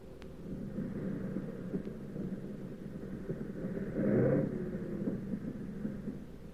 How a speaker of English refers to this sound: But we came in okay, with one engine sputtering and a fuselage full of holes.